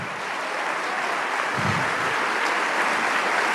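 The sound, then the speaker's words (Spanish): An audience claps loudly and steadily, a dense, sustained wash of many hands with no pauses, continuing for the whole stretch with no voices heard. “Oh, vamos, dale ese aplauso. Fuerte, fuerte, fuerte.”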